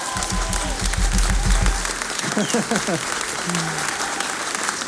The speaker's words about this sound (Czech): Výborně! Zatleskejte si!